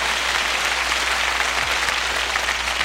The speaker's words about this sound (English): We're very delighted that you're here for not only us, but for this great band. Yeah, you can applaud them. It's okay. It's all right.